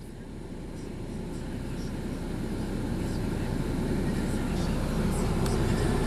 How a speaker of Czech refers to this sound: Evo nas, vozimo se u autobusu Balkan Express. Prolazimo skretanje za Kalinovik, idemo prema Foči i dolazimo baš do Balinovca